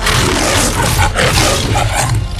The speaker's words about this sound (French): Et donc, voici la Metro-Goldwyn-Mayer. Déjà, vachement fort pour un lion de faire des bruits d'instruments.